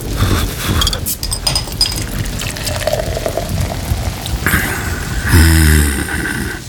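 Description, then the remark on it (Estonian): Heavy summer rain pours down in a steady, dense hiss, with a gurgling, liquid splash rising near the end. No voices are heard. “Isegi selle, et suvel kallab.”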